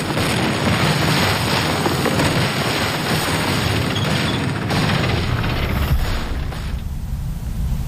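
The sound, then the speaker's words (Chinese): A loud, continuous roar of Japanese warplane engines fills the scene as the aircraft bomb Chinese defending troops, with dull booms and crackling blasts of bombing mixed in throughout before the noise eases slightly near the end. “由于缺乏防空武器，日军飞机给中国守军带来重大伤亡。”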